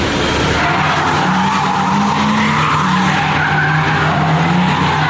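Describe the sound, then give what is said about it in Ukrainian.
A car driven by a racing driver skids loudly and continuously during an extreme ride with a teenage passenger at an open event held for the military, tires squealing with shifting high-pitched whines over a roaring engine for about five seconds, with no talking. “Кілька хвилин екстремальної поїздки на підлітка справляють незабутні враження.”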